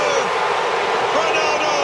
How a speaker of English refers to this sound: Incredible sounds and cheers.